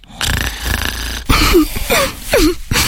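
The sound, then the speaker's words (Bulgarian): Loud snoring in a Mömax bedding advertisement: a long rasping inhale followed by a few shorter snorts, each trailing off in a whistling exhale, with no one speaking. “Искаш любимото да мърка вместо да хърка?”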